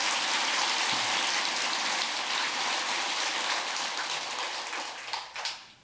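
A crowd at a Buddhist dharma talk applauds with a dense, steady patter of many hands that holds for several seconds and then thins out and fades near the end. No one speaks over it.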